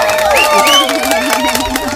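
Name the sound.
applause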